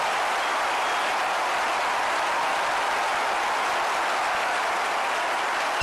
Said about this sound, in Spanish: Dale un fuerte aplauso a Dios por su palabra, por su amor